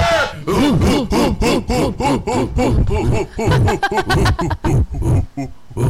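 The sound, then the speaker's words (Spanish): A person growls and snarls like an angry dog, a rapid run of harsh, throaty bursts in a steady rhythm, loud and continuous for several seconds with no talking. “Te convertiste en un perro hoy. Parece de estos perros que van a morder a uno ya.”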